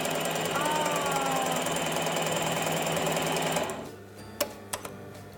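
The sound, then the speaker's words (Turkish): A sewing machine stitches knit fabric in a steady, rapid mechanical whir for several seconds, then stops, leaving a few faint clicks and taps afterward. “Evet, trikolarda esnemeler oluyor. Ve dikiyoruz.”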